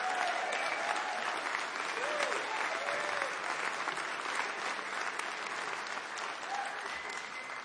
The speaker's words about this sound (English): Give it up one more time